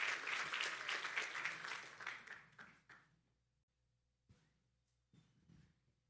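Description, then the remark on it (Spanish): An audience in Río Bravo applauds for the King, a dense burst of many hands clapping that fades out over about three seconds, followed by a few soft scattered noises and quiet. “Denle un aplauso al rey, por favor.”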